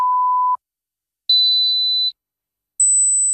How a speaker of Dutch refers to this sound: Hoorde u geen 3 piepjes zojuist? Dan is het zinvol om even uw gehoor te laten testen bij Hoorzo in Spijkenisse.